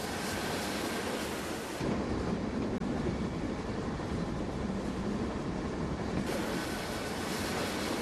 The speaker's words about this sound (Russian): Поезд Андрея останавливается на полустанке.